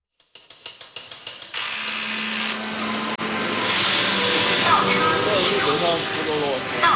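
Robot arms drilling and checking in a Chinese factory: a quick run of ratcheting clicks gives way to a loud, steady mechanical whir and hiss, with brief servo-like whines rising and falling over it.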